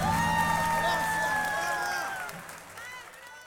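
Audience applause and cheering for a harmonica player rise in a dense, crackling wash over the final sustained notes of a song, then gradually fade away as the music ends.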